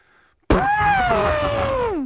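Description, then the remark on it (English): A person imitates an elephant's trumpet with one loud, brassy, raspy blast that bursts in abruptly, holds for about a second and a half, then slides down in pitch at the end. “Are you looking to do an elephant sound there”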